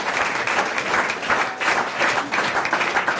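An audience applauds again for the return of the show's guest, dense overlapping claps filling the space with a continuous, fairly loud patter that stays even throughout.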